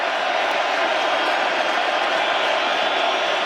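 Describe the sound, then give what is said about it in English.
A huge American football stadium crowd roars on third down during a Dolphins–Raiders game, a dense, loud wall of cheering and shouting that holds steady without a break for several seconds. “He's on the field, and here this crowd on 3rd down.”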